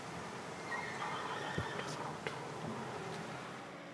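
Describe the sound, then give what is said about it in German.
Horses on a farm that keeps 28 horses: a faint, drawn-out whinny rises over a steady rustling background, with a few sharp knocks like hooves striking wood. “Hier auf dem Hof möchte keiner lange 28 Pferde per Hand versorgen.”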